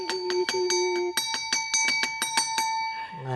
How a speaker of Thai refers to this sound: กระดิ่งดังอีกแล้วแสดงว่ามีท่านผู้ชมถามคำถามอีกแล้วค่ะอาจารย์คะ แปลว่าทุกคนที่มีปัญหามาที่นี่ได ้มาสั่นกระดิ่งค่ะ